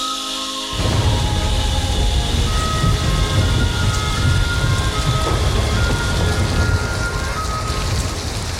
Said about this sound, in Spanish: Qué rico que es dormir con la lluvia, ¿no? Oh, y ese ruidito es...